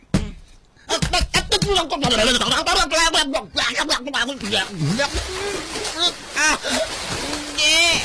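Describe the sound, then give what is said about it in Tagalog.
Water splashes and flows steadily in a farm field while voices talk and call out loudly over it, the sloshing continuing underneath throughout. “Lolo ko sa may kalog na may nagailik na tubig.”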